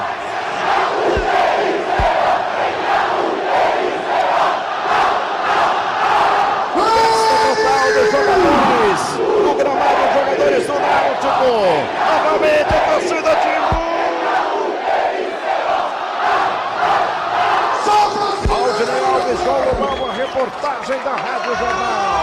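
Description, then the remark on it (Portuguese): A loud, sustained roar of Náutico football fans cheering a victory in a stadium at a Brazilian Série B match, with overlapping shouts, chanting voices and swelling cries rising and falling throughout. “Muita festa da torcida do Náutico, naturalmente também muita comemoração do Hélio dos Anjos.”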